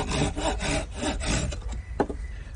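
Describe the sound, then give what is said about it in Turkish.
A hand saw cuts through a long wooden board in steady back-and-forth strokes, each pass a broad rasping burst, fairly loud, with a brief sharp knock near the end. “Hadi hadi çok konuşma da uzat bakalım şu uzun tahtayı. Ver. Al abi. Testereyi de ver oradan.”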